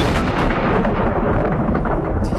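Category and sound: nature, thunder clap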